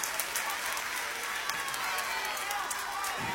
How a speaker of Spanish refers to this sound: Y quiero que uno de los primeros aplausos fuertes de esta noche sean para los chicos de la banda que me acompañan y para todo mi equipo.